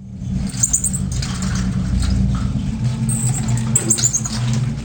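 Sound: marmoset monkey calling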